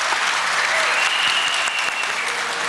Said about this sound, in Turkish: Şu güzel orkestraya da bir alkış alalım.